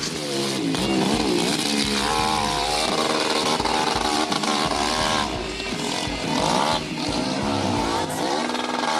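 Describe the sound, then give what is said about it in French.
A hill-climb motorcycle, its tank holding about one litre of petrol for a climb of about 15 seconds, runs loud and unbroken for the whole stretch, its raspy buzzing tone repeatedly rising and falling as the rider revs and eases off the throttle. “Un litre, parce que la moto, elle roule pendant combien de temps?”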